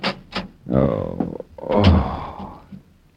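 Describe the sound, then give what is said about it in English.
A door thuds shut and a lock clicks as Mother Higgins locks the door and walks away, with a few sharp knocks and rattles, while a person lets out short startled vocal exclamations over it. “The mother of the Higgins clan had locked the door and walked away.”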